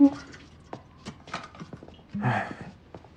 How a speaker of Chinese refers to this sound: 哎，前一秒还说话呢，后一秒打呼噜来。